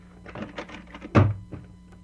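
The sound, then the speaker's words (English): A back door is handled, with a few light knocks and rattles leading up to one solid thunk as it swings shut, then quiet. No one speaks. “Come on out the back door and we'll have a good look at her.”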